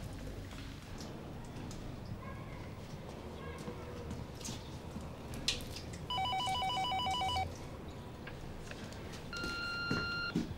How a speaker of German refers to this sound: geh bitte ans Telefon.